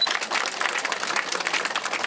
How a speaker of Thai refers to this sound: ขอเสียงปรบมือด้วย